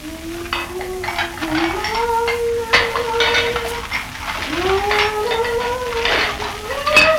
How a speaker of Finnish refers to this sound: No johan tässä tulee ilmankin kuuma tiskatessa.